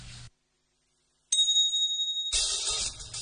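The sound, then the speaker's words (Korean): After a brief silence, a doorbell chime rings out once, bright and high-pitched, its tone lingering for about a second before a dense, hissing wash of sound takes over. “계속해서 감상할 동시 제목은 초인종입니다.”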